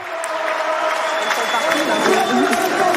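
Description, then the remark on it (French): A large tennis crowd at the French Open on the Suzanne Lenglen court, Porte d'Auteuil, Paris, cheers loudly and steadily for a French player from Nice, with many voices joining in a sung Parisian supporters' chant that rises and falls over the roar throughout. “Et vous allez l'entendre, la Niçoise qui a été acclamée par la foule et qui ont même chanté des chants de supporters parisiens.”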